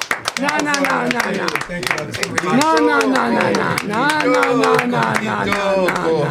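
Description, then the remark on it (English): A few band members applaud themselves, clapping in quick, uneven bursts for several seconds while overlapping voices call out and chatter over the applause. “You don't need to applaud yourselves.”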